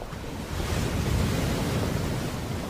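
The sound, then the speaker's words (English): Ocean surf rolls in as the tide comes in, with a steady, broad wash of noise, swelling slightly after the first half second and staying full, with a rumbling low end and no voices. “Soon the tide comes in, the clouds disperse, and the ocean appears in all its splendor.”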